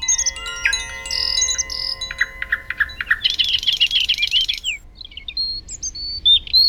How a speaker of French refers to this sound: Tu entends? Est-ce que tu as reconnu ce chant? C'est un petit oiseau bleu qui s'approche en chantant. Il a le ventre jaune. C'est une mésange.